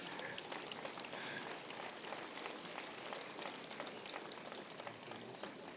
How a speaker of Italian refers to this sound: Un applauso al cardinale.